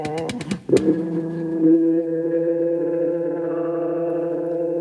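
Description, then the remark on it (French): A few sharp clicks and sputters give way to a steady, throaty engine hum that holds at an even pitch, like a motorcycle settling into an idle. No one speaks. “J'y range toutes mes motos musique.”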